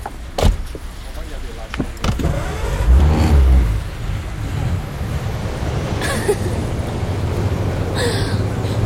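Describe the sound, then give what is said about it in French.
A car door clicks open and thuds shut as the driver climbs in and sits at the wheel, then an engine rumbles to life and keeps running steadily in the background. “Il ouvrit la voiture et s'assit au volant.”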